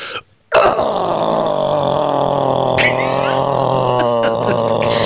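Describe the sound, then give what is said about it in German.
A caller to a radio morning show lets out one long, loud metal-style growl after a brief pause, a gravelly, rumbling roar held for about four seconds that turns harsher and more ragged halfway through. “Mein Grollen geht so.”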